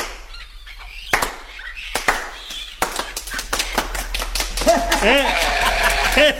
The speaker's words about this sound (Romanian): Da, uite, să batem din palme. Uite.